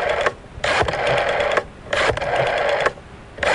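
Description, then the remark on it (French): A telephone number being redialed: three harsh, buzzy bursts of about a second each, separated by short pauses, fairly loud, with no talking. “Ne quittez pas, on recompose le numéro de téléphone.”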